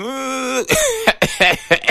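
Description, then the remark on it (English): A voice imitates a sputtering motorbike engine: a steady droning hum gives way to a series of rough, coughing bursts in an uneven rhythm, fairly loud, with no other talk. “I say moto they cough. No, be say moto they cough.”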